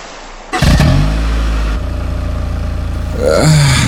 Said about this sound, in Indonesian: Mama, sampai apa suara motor tadi itu? Suara motornya Arif, Pa.